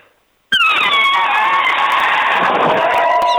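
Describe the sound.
A person's voice imitates an elephant trumpeting, made by drawing in a great deal of air and pressing the lips together: one loud, shrill, brassy blast that bursts in after a brief quiet and holds steady for about three seconds.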